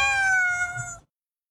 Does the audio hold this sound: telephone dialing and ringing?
no